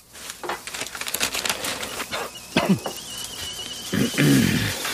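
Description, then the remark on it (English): A kettle's thin, steady whistle rises over clattering kitchen noise, holding for a second or two before fading as a voice briefly speaks near the end. “The kettle's on.”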